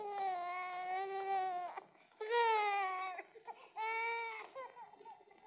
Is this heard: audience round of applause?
no